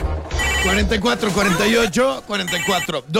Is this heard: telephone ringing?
yes